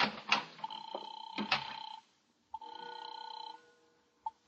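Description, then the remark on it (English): A telephone rings with a steady electronic trill in two bursts, the first overlapped by a few clunky knocks, the second clean, separated by a short silence. “Okay, here, take it. It's ringing now.”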